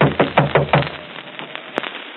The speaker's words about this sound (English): Better knock harder.